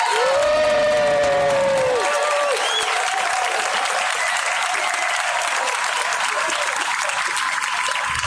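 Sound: audience applause and cheering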